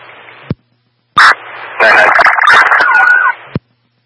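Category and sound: signal or alarm, dispatch alert tones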